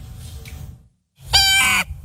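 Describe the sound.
A 12-year-old boy imitates a harsh blue jay call: one loud, raspy cry lasting about half a second, following a softer stretch of background noise and a brief silence.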